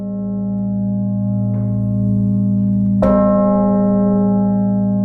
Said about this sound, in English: The historic center will be filled with the ringing of 29 church bells at 5 p.m. Among other things, people will also be able to hear the bishop's bell from the northern tower of the Cathedral of Saints Peter and Paul, which is otherwise silent.